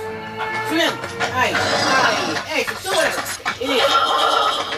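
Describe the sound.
Several horses neigh and whinny loudly in quick, overlapping bursts amid a busy commotion with voices mixed in underneath.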